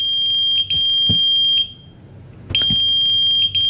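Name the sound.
pager beeping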